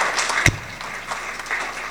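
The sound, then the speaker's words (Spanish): A crowd claps together in a steady, dense patter of applause for the brothers from Tierra Colorada, filling the whole moment, with one sharper, louder clap near the start standing out from the rest. “Fuertes aplausos, hermanos.”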